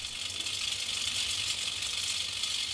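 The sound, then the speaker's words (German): A rattlesnake shakes its tail in a steady, unbroken dry buzz, high and hissing, holding at an even loudness from start to finish with no voices around it. “Und von der Klapperschlange droht keine Gefahr?”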